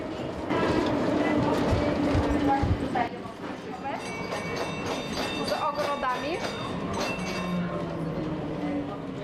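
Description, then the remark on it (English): A tram rumbles steadily along city tram tracks that have been in use for over 140 years, part of one of the oldest tram networks in Europe, with rhythmic wheel clatter and thin metallic squeals rising over the low drone, fairly loud, with muffled voices underneath. “These tram tracks have connected the city for over 140 years.”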